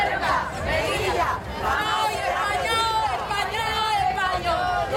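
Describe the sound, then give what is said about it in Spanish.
Hundreds of protesters in Melilla shout in front of the Palacio de la Asamblea, claiming the Spanishness and territorial integrity of the autonomous cities and supporting Ceuta; many voices overlap into a loud, dense roar with rising and falling chants and cries throughout. “El grito de centenares de personas frente al Palacio de la Asamblea.”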